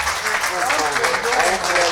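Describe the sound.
An audience applauds steadily for two seconds, a dense wash of many hands clapping at even loudness, with a few voices calling out faintly through it.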